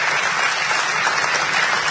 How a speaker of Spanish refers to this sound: Un fuerte aplauso para Alejandro Dolina.